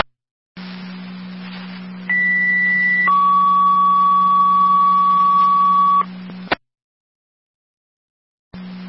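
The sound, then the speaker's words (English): Two-tone County Fire dispatch paging over a radio: a short steady high tone gives way to a longer, lower sustained tone, both over a constant low hum, ending with a sharp click. “Do you need any more tones for your company?”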